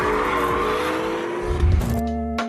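A hybrid sports car, a 3.5-litre V6 combined with three electric motors for 581 horsepower in total, driven by Anthony Beltoise, drones steadily with layered harmonic tones, shifting pitch as it drives, with a brief tire squeal; no one speaks.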